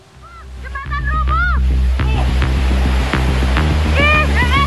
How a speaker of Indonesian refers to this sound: Luapan arus sungai Cikaret menerjang badan jembatan beton hingga roboh di kawasan Cibalagung, Kelurahan Pasir Jaya, Kecamatan Bogor Barat, Kota Bogor, Jawa Barat saat diguyur hujan deras pada Senin siang.